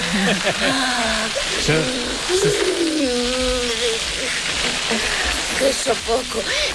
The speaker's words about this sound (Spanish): Uy, soy el único que escucha una freidora en lugar de una manguera. Es como si Carmen Maura se estuviera friendo unas croquetas de parecido alguna manera.